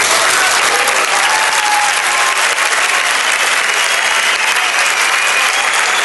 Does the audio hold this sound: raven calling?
no